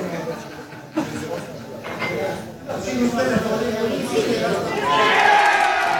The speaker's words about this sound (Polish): Oczywiście nie kryli radości. Było odliczanie do zakończenia głosowania, a po opublikowaniu sondaży wybuch radości i oklaski.